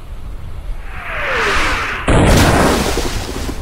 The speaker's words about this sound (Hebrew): אנחנו נמצאים כעת במרכז הקרב הימי הגדול ביותר בהיסטוריה. מסביבנו שועטות 250 מפלצות ברזל משוריינות מחליפות מהלומות אימתניות באמצעות תותחיהן הענקים. פגזים נופלים לכל עבר, מרימים סילונים אדירים של מים אל השמיים.